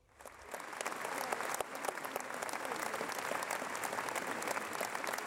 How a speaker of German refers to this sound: Höflich enden wollenden Applaus gab es am Ende der Premiere der ersten La Traviata auf der Seebühne.